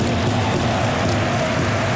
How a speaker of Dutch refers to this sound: Het blijft onophoudelijk regenen. Hier aan de Douro.